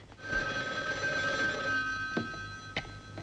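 A telephone rings with a steady electronic trill, a sustained bright tone continuing for a few seconds, clear, with no voices over it.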